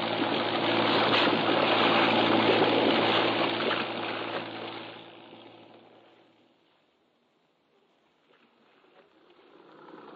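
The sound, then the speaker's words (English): A boat engine drones over rushing, splashing water as the boat travels up a river. It is loud at first, then fades away by the middle to near silence before a faint wash rises again. “All right, Captain, into the river.”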